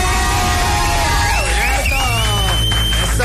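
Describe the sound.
A loud crowd cheers and whoops together for a guest, many voices rising and overlapping in a continuous roar, with what sounds like clapping mixed in toward the end.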